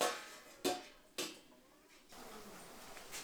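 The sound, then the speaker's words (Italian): A pot of rice and vegetables bubbling and hissing over a wood fire, soft and steady, broken early by two sharp metallic knocks; no voices. “La pentola di riso e vegetali borbotta sul fuoco a legna.”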